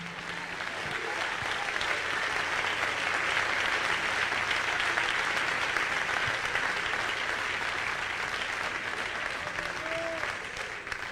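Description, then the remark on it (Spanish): A church audience claps steadily and loudly for about eleven seconds for the King, the Lord, during worship, a dense wash of many hands, with faint voices calling out underneath before the applause tapers slightly at the end. “Dele palmas al Rey.”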